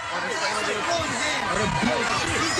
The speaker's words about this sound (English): And you can see there's some folks that are trying to just relax and enjoy the beach, and then there's a big crowd of people that are at each other's throats. Just going bananas.